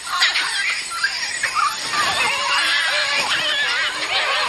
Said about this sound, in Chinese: 整个家庭里，所有的猴子都激动地欢呼雀跃，整个森林都欢天喜地。